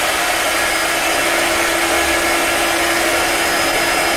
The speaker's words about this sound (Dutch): Sorry, het was een haardroger.